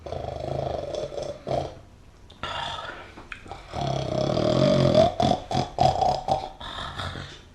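Someone snoring loudly: rough, raspy, rattling breaths drawn out over several seconds, with short choppy snorts near the end and no talking.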